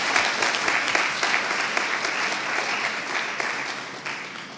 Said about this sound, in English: So let's give them one more round of applause for the hard work before we get started.